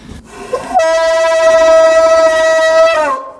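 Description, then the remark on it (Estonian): A fog horn, one of two different fog horns here that are pulled all the time, sounds one loud, sustained blast lasting about two seconds, swelling in with a quick rising pitch, holding a steady reedy tone, then cutting off. No one speaks. “Seal on kõik need udupasunad ja kellad veel kõik, need seda tõmmatakse kogu aeg siin, seda jälle.”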